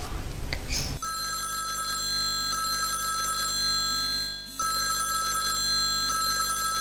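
A telephone rings steadily and loudly for several seconds as a call is placed, a bright repeating electronic ringback tone with a brief pause near the middle, following a short burst of noise at the start.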